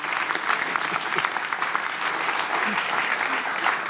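A crowd claps steadily for several seconds, a dense, continuous patter of applause that stays fairly even in loudness throughout, with no voices standing out.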